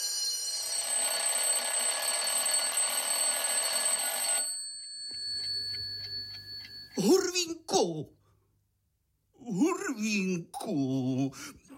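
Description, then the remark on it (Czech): A loud, continuous bell rings insistently for several seconds in the Hurvínek puppet show, then cuts off, leaving a faint lingering tone before voices begin speaking. “Už zvoní. Zvoní, Hurvínku.”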